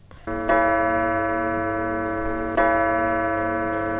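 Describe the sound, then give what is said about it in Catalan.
A clock strikes thirteen times with deep, ringing strikes, two heard about two seconds apart, each sustaining a long resonant hum over a steady tick-tock, fairly loud with no voices. “El rellotge ha sonat 13 voltes.”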